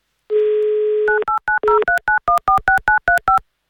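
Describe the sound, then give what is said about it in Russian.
A steady dial tone sounds for about a second, then a quick run of about a dozen short, evenly spaced touch-tone beeps as a telephone number in Tomsk Oblast, Russia, is keyed in for an Avtoradio call-in prize game, with no voices. “Давайте звоните в Томскую область.”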